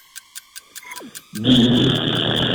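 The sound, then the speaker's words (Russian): A voice mimics a microwave heating soup: a run of quick, evenly spaced clicks like a ticking timer and a short falling whistle, then a loud, steady buzzing hum with a high whine. “Микроволновка, которая разогревает суп.”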